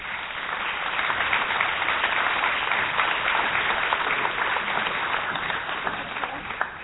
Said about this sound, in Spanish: Un aplauso.